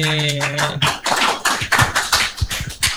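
Loud, lively audience applause, many hands clapping in a dense, steady patter for the whole stretch, with a brief sustained musical tone at the very start and no one speaking.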